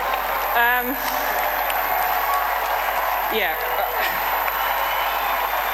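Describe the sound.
A large stadium crowd of England supporters at a tournament applauds in a steady, dense wash of clapping that fills the whole stretch, with a few whistles and cheers rising above it and a voice briefly cutting through.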